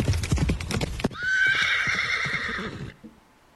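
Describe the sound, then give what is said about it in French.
Horse hooves clip-clop in a quick run of hard knocks, then a loud horse whinny rises and holds for over a second before cutting off. “Tous à cheval.”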